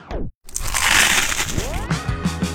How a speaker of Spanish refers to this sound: Ese mordisco que hace que todo se detenga por un momento.